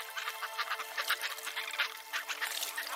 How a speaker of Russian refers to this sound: Потом в воздух прорезают громкие голоса чаек. А через несколько секунд над головой проходит огромная стая. Сотни птиц одновременно взмахивают крыльями, и этот звук напоминает шум прибоя.